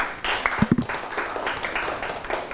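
A group breaks into applause, a dense wash of many hands clapping at a steady moderate level, with a few louder individual claps standing out briefly near the start.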